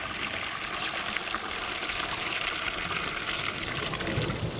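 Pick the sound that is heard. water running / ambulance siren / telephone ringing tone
water running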